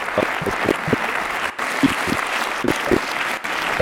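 An audience claps steadily as a guest, a 34-year-old freelance journalist, is called up onto the stage, a dense, continuous burst of applause, loud and sustained, with a few louder individual claps and faint voices mixed in.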